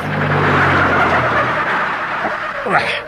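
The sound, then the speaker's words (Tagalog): A truck engine rumbles, its low drone fading out as the vehicle slows and comes to a stop amid steady road noise, with a brief squeak at the end. “Ay, kariyota, manaog ko na yung truck.”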